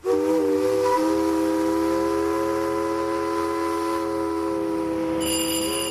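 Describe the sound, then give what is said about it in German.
The steam whistle of a historic Saxon paddle steamer at Dresden's Terrassenufer on the Elbe blows one long, loud, steady chord lasting several seconds, with a faint hiss beneath and a brief higher tone near the end. “Täglich legen sie ab, am Dresdner Terrassenufer, die historischen Raddampfer der sächsischen Dampfschifffahrt zur Schlössertour, vorbei an den drei historischen Dresdner Elbschlössern, Schloss Albrechtsberg, dem Lingner Schloss und Schloss Eckberg.”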